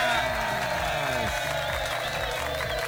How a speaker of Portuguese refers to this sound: pode bater palmas!